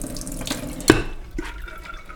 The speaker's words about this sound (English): And I'm just gonna add water, which will be then used for final cooking. How much water are we adding? For 1.5 cups, I would add 1 liter of water.